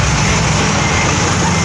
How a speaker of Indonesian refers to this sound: Video amatir warga merekam detik-detik saat sebuah truk ekspedisi ludes terbakar di ruas tol Sragen Ngawi KM534. Api dengan cepat membakar habis seluruh badan truk beserta muatannya yang berisi ribuan paket.